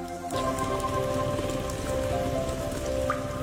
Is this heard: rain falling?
yes